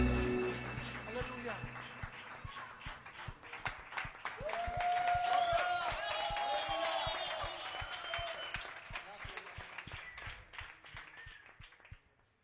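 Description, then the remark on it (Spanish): An audience at a worship service claps steadily for several seconds, a dense rapid patter of many hands with cheering voices rising over it, then thinning out toward the end. “aplauso a tu rey.”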